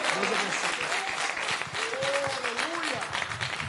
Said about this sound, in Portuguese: Pode ser melhor essas palmas. Glória a Deus.